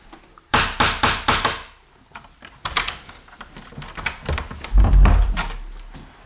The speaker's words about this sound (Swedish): Så innan man går ut genom den här dörren så ska man knacka då via den här lilla dörrknackaren för att man inte ska överrumpla den som sitter där ute. Ska vi knacka? Det gör vi.